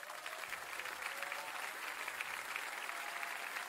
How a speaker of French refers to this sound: Oui, mais il y a l'applaudissement. Alors, ben oui, on est en live carrément.